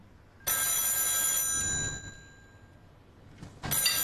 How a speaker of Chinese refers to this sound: 电话响了，只有余舟会打过来。本来每个月只想一次，现在是第二次了。你接，我不能跟他说话。